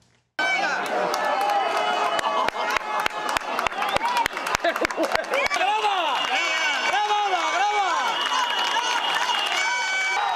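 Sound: protesters shouting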